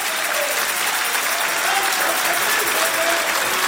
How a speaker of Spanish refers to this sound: Si vas a aplaudir, hazlo para el Señor.